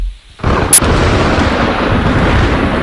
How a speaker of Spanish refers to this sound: ¿Tormenta? Sí señor, una tormenta.